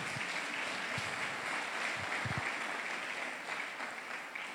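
Steady audience applause for "our Heavenly King" fills the whole clip, a dense wash of many hands clapping at an even loudness with no voices over it.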